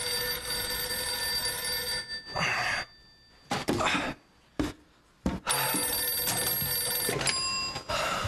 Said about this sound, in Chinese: 电话